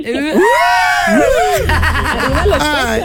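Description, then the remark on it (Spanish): A woman who has just won a contest lets out a loud, excited scream with pitch swooping up and down, then keeps shrieking as a noisy crowd cheers and chatters around her. “Un grito chula.”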